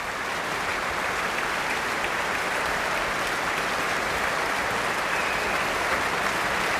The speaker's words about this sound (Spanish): Estamos escuchando los aplausos para Duncan Ward, que dirigía a la Phil South, la Orquesta Filarmonía del Sur de los Países Bajos, en la gran sala del Concertgebouw de Ámsterdam el pasado 1 de julio, en el marco Los conciertos de verano